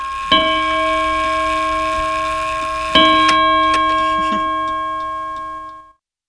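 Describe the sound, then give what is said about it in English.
A clock named Leroy Anderson chimes twice, each rich, ringing strike sustaining with long harmonic overtones, while a faint, steady ticking clicks underneath until the tone fades out. “It's just the way this clock is.”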